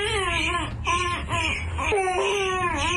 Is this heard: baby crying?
yes